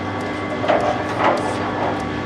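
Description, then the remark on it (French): A coffee roaster's cooling mixer, switched on for the cooler while Guatemala coffee is roasting, runs with a steady, dense mechanical whir over a low droning hum, with a couple of brief scraping swells rising out of the noise. “Je vais allumer le mixeur. Ouais. Pour le refroidisseur.”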